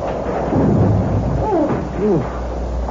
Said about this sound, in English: It's better than driving through that horrible storm all the while.